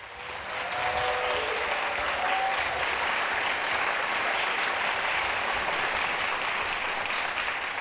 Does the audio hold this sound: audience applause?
yes